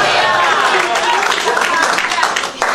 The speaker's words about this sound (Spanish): Dale un aplauso de gloria a Dios en esta obra. Dale un aplauso de alabanza al Padre, al Hijo y al Espíritu Santo en la tarde de hoy.